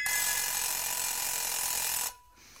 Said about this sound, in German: Der Wecker.